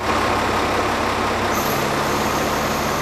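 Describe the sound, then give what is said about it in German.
A camouflage-painted military truck's heavy engine rumbles steadily as it drives into one of the halls at the Messe Essen fairground in Essen during setup for a new defence trade fair, with a brief hiss midway like an air brake releasing, then the low drone continues. No one speaks. “Ein tarnfarbener Militär-LKW fährt in eine der Hallen.”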